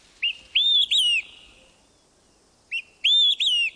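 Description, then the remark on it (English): An olive-sided flycatcher sings its loud, whistled three-note phrase twice, a short opening note followed by two longer slurred whistles, with a pause between repeats and no other sounds. “The olive-sided flycatcher.”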